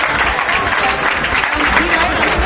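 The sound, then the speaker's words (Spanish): Sustained applause from 200 to 300 protesting municipal civil servants at the doors of the Assembly, a dense, steady clatter of many hands clapping at once, loud throughout with a faint murmur of voices mixed in. “Esos eran los aplausos que se escuchaban entre 200 y 300 personas.”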